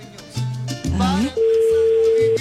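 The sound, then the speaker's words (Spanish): A telephone line rings with a single steady, mid-pitched electronic tone lasting about a second, following a brief stretch of voices and shorter pitched sounds. “Ay, ya está timbre.”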